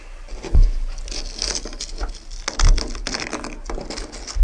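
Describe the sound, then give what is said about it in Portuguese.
A frozen plane-tree leaf, stuck to a car roof by water that froze into an ice crust in the cold, is peeled off in Campos do Jordão, giving steady crisp crackling and crunching with a few dull low thumps scattered through; the leaf tears. No one speaks. “E nesse vídeo ele está tirando uma folha que ficou grudada no teto do carro por conta da água ali que congelou e formou aquela crosta de gelo por conta do frio”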